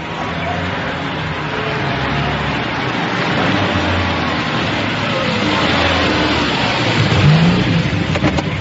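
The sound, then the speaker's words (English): A car with a driver, arranged to take a passenger somewhere, accelerates, its loud continuous engine rumble holding steady for several seconds and swelling slightly near the end. “We've arranged for a car to take you there.”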